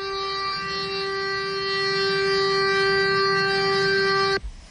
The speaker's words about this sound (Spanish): Lo cierto es que sí, se está notando y bastante esa bocina del camión tratando de desatascar o de avisar pues al coche que no le está permitiendo el paso.